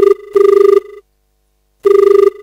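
A telephone rings for the first incoming call to the Akashvani Sagar radio phone-in programme 'Phone Karen Geet Sunen', in loud, trilling electronic bursts: a short burst, then a longer one, a pause of nearly a second, and another burst, with no voices.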